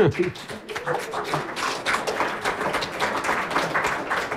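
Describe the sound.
An audience of about 1000 people claps steadily in a dense, crackling wash of applause, with a voice briefly audible at the start and the clapping sustained at an even level throughout.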